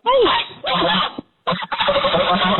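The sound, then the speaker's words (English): An adult female goose honks hoarsely in two long, raspy bursts separated by a brief pause. The calls are loud and harsh, almost like rough grating noise. “You hear that monster? She sounds like she's been smoking 8 packs of cigarettes a day.”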